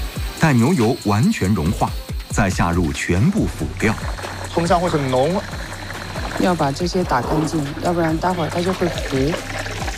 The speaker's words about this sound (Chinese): 20斤的牛油滑入口径40的大油锅，待牛油完全融化，再下入全部辅料。